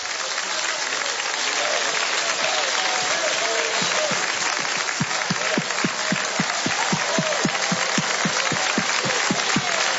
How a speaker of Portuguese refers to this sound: Mais alegre as palmas para Jesus. Pode bater bem forte, bem forte. Mais fortes, mais alegres as palmas, porque são para Jesus Cristo.